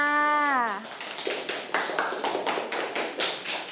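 A short spoken voice at the start gives way to a group of schoolchildren in class clapping their hands for classmates who have just presented, a steady patter of many overlapping claps that continues to the end.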